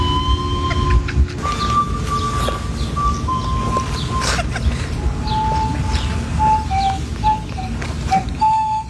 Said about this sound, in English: Sick and tired of listening to the pan flute.